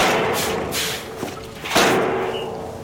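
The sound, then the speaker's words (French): A heavy rear door of a truck trailer at a circus thuds open as Monsieur Loyal goes to release the new arrival: a dull knock, then a louder bang with a rushing clatter that trails off over steady background noise. No one speaks. “Monsieur Loyal s'approcha de la porte arrière pour libérer le nouveau.”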